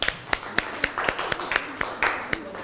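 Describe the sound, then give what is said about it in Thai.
Steady, evenly spaced hand claps as students who answered correctly in a lesson on poster paint applaud themselves, about a dozen sharp smacks in a row at a brisk, regular pace, with a faint murmur of voice underneath partway through. “สำหรับ2ภาพนี้ภาพที่เป็นเทคนิคสีโปสเตอร์ก็คือภาพซ้ายมือนั่นเองใครตอบถูกยกมือปรบมือให้ตัวเองหน่อยครับ”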